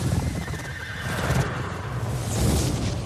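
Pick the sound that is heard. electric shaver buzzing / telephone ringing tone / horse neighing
horse neighing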